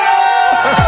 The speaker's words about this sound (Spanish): si yo le pido a la gente de León que pegue un grito, que lo oigan en Valencia